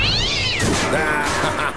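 A cat lets out a loud, drawn-out meow, its pitch sliding down, over a rough background of noise and crackle, with no one speaking; the cat is out during fireworks.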